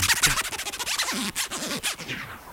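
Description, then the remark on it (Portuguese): A jacket zipper yanked rapidly back and forth, its rasping strokes swooping in pitch like a DJ scratching a record, several quick bursts over about two and a half seconds. “Que o som do scratch era parecido com o do zíper da minha blusa.”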